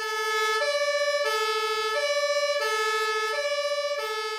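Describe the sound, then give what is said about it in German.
A fire engine's two-tone siren wails loudly, alternating steadily between a high and a low pitch about every two-thirds of a second, as four fire service vehicles, including a turntable ladder truck, drive off to an emergency call. No voices. “Und jetzt gehen die Feuerwehrleute los im Auto und fahren zum Einsatz.”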